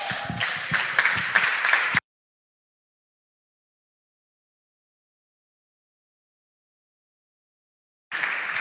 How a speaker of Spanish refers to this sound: Dios le bendiga y Dios les guarde. Dele fuerte el aplauso.